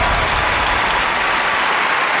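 An audience claps steadily and loudly, a dense wash of many hands with no pauses for the whole couple of seconds, no voices rising above it.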